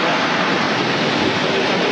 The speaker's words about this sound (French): Ah, on y est là, hein, on est dans l'ambiance. Ça fait du bruit. Exactement, et particulièrement cette année avec beaucoup d'avions présents. Donc on vient de voir passer au-dessus de nos têtes des F-16, des F-18, des Rafales grecs, espagnols